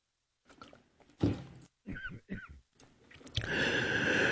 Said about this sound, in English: Had a cough there.